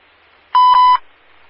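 A loud electronic dispatch alert tone sounds for about half a second at a steady pitch, with a brief break midway, over a faint background hiss.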